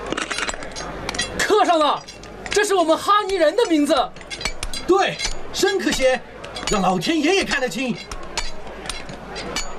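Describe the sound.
Sharp metallic taps of a chisel striking stone ring out repeatedly at an uneven pace, fairly bright, mixed in with voices talking throughout, as a stone stele bearing an oath of ethnic unity is carved.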